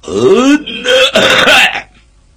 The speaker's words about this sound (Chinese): 什么意思？摆大份儿，咳嗽一声，说明自己有身份，有地位。